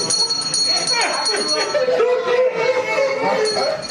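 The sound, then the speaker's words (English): Handheld bells ring continuously in a bright, jangling wash, several at once, with a crowd of voices chattering and cheering underneath throughout, as a friend and his family celebrate the end of a man's cancer treatment in Alabama. “Traditionally, a cancer patient rings a bell to mark the end of treatment.”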